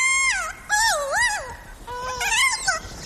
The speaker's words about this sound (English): They recorded captive kias making those warbling calls, then traveled to New Zealand where they played the recordings for wild kias.